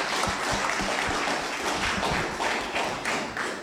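An audience applauds steadily, many hands clapping in a dense, even wash of sharp claps with a few louder thuds, holding a constant level for several seconds without any voices.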